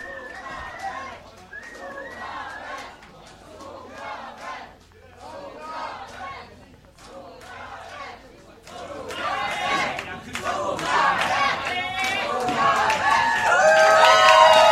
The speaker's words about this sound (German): Es wird eine Zugabe geben. Vielen Dank. Das Publikum hat geschrien. Wir können noch ein Lied spielen.